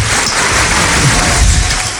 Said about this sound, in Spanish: ¿Cómo? Aplauden.